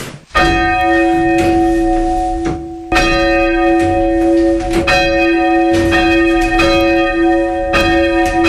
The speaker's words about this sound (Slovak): Zvony nad krajinou Spišského Horhola. Tiež boli poškodené trošku v tomto mieste.